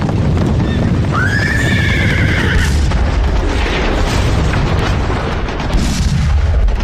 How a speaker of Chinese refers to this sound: 古北口长城方向的隆隆炮声传到了北平城。